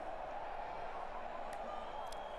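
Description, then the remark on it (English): A crowd cheering from a balcony during Arsenal fans' celebrations in the capital, heard as a steady, dense roar of many voices that holds at an even loudness without clear peaks, with a couple of faint higher chirps near the end. “A big cheer went up, and I think somebody just lit a flare, but actually that flare then caught light to maybe some curtains, so they've now just put that out.”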